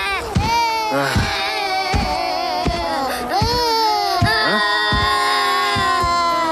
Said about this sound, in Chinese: 小孩的哭声，还哭个不停，吵得我没办法午睡。